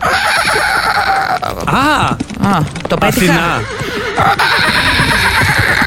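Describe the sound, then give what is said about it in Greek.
A person imitates a horse's whinny with a loud, wavering, quivering vocal trill lasting a couple of seconds, followed by brief speech. “Έτσι είπε στη γλώσσα των αλόγων.”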